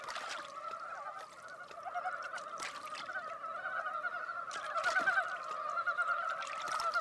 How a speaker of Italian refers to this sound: La foresta si rinnova, colorata e chiassosa. Ovunque risuona il concerto delle rane di Dybovsky.